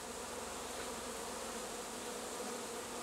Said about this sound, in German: Guck mal, wie sie jetzt alle rein wollen. Das ist gar nicht mehr zu sehen, das Loch. Jetzt wollen sie auf einmal so total schnell rein. Dicht gedrängt, aber friedlich, laufen rund 30.000 Bienen in ihr neues Zuhause.